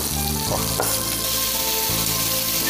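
Chicken skin frying over low heat in a pan with no added oil, slowly browning and rendering its fat, a steady, dense sizzle with a broad hiss that holds even throughout, broken by a couple of brief crackling pops and low clinks. No one speaks.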